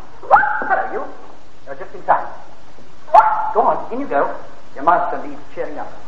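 A dog barks in short, uneven bursts, about five or six over several seconds, some with a higher, yipping edge, with quiet pauses between.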